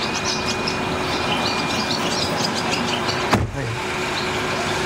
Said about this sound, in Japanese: 今エンジンかかりましたよ。